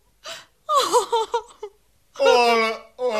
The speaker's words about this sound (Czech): nač ten pláč?